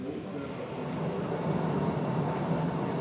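The Postojna Cave tourist train in Slovenia, the world's longest underground tourist railway, rumbles steadily through a cave tunnel on a 2-kilometre ride, a continuous, moderately loud roar of wheels and motor that holds an even level from start to finish.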